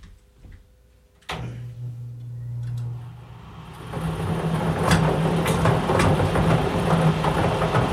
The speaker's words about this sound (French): Alors, on va faire partir le boulier.